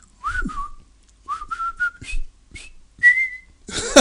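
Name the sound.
whistled military march tune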